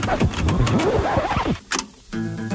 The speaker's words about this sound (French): Mais oui, rappelez-vous, c'était il y a quelques saisons, au premier temps d'une émission qui est devenue mythique, il faut bien le dire, pour laquelle nous avions concocté ce jingle. La première.